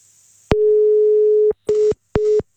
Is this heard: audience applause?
no